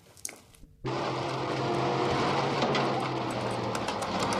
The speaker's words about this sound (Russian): едут в автобусе.